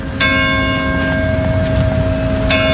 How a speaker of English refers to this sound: Church bells ring one village over in Saint-Jean-d'Illac.